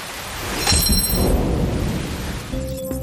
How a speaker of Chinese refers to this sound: 哎呀，不好，下雨了，我的实验器具还放在外面呢。